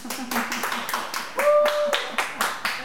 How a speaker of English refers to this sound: And I would ask everyone for a round of applause, but there's no one around.